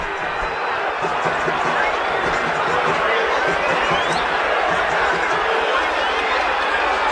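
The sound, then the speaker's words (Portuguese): A large football stadium crowd at Vila Belmiro booing and shouting in protest at Santos at the end of a 0-0 Copa do Brasil match against Remo, a dense, steady roar of many voices filling the whole stretch without pause. “Vaias, cobranças, protestos.”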